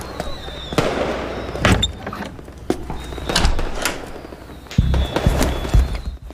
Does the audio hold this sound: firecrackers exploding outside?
yes